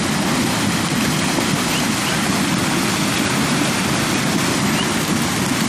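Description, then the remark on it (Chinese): Loud, steady rush of icy river water churning continuously throughout as young foals wade across, the water reaching their backs, a dense roar with no pauses and no voices. “冰冷的河水没过小马的背部，初次下水的他们还来不及适应，就得马上学会如何在河水中保持平衡。”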